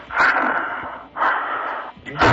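Loud, heavy panting from a person who has just been jogging in the park on a hot day: three long, breathy gasps in quick succession, rough and wheezy, with short pauses between breaths and no talking.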